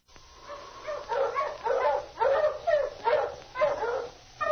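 Several sled dogs bark and yelp excitedly in quick overlapping bursts, a steady rhythmic chorus of high, eager barks at moderate loudness with no talking.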